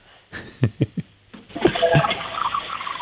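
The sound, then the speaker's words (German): A few soft knocks and clicks, then a toilet flush starts: a steady, hissing rush of water that continues quietly to the end, with no one speaking. A child flushes the toilet for a sound game on the children's show Minidisco. “Das hat nach einer Klospülung geklungen.”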